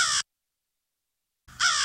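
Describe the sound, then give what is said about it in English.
Two harsh crow caws, one at the start and one near the end, separated by over a second of silence; loud and raspy, with a rich layered tone of multiple simultaneous tones (a harmonic stack call). “You also have the harmonic stacks. Multiple tones in the same time. You can think of the crows, for instance.”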